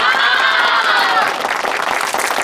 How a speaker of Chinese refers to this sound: 来鼓掌，继续努力啊！